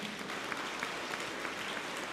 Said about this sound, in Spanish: Un fuerte aplauso para los jóvenes.